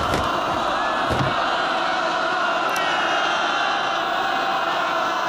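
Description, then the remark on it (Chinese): A large crowd of tens of thousands of people surrounding a train and tearing up the railway to the north shouts together in a dense, continuous roar of many voices, loud and steady throughout, with a few sharper cries rising briefly near the start. “上万的老百姓包围了列车，正在拆除北面的铁路。”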